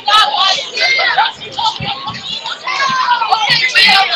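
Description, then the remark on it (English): A football stadium crowd at a game between the Fernie Vaqueros and the Sparks Railroaders, picked up by a crowd mic on the Sparks home side at a kickoff, roars steadily, with many voices blending into a loud, continuous hubbub punctuated by scattered shouts and whoops throughout. “It's quiet. I think I'll turn on the crowd mic.”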